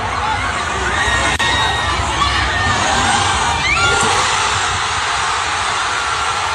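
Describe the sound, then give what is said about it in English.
A loud, dense roar of a crowd cheering and shouting outdoors on West 10th Street, a city street, at 12 o'clock as a game ended, steady throughout with scattered whoops and high-pitched yells rising above the wash of noise. “This is what it sounded like, probably right outside of Nate's apartment as well, what everybody was cheering as soon as the game ended.”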